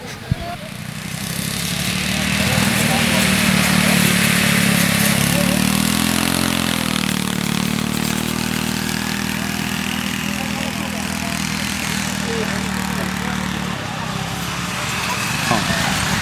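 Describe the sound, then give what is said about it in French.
Ride-on lawn mower engines drone steadily, their pitch briefly rising and dipping partway through before cutting off near the end, with faint voices in the background. “Bonjour, vous avez essayé les tracteurs tondeuses?”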